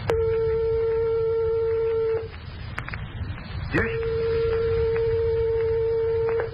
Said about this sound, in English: Here are two tones only 1/8 of a tone apart, or 1/4 of the distance of separation from the closest tones of your piano.